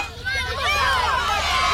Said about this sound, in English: The crowd went wild.